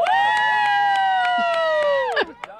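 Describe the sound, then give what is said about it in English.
A loud sideline yell at a flag football game, held for about two seconds, its pitch sliding slowly downward before breaking off, with faint rhythmic tapping sounds underneath. “All this other yelling and stuff is completely aggravating and annoying everyone on the Katie's field.”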